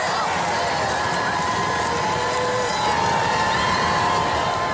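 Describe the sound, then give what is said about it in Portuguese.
A large outdoor crowd of some 700,000 people in France cheers, chants and applauds to welcome Pope Leo XIV, lined up over 2 km from the square to the Arc de Triomphe, a continuous, dense roar of many voices and clapping, holding steady and loud with no single voice standing out. “À chegada de Leão XIV, a multidão estendia-se em filas de mais de 2 quilómetros, desde a praça ao Arco do Triunfo, para receber o Papa com cânticos e aplausos.”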